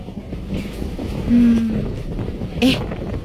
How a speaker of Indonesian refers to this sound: Angin di luar rupa kencang itu, Pi.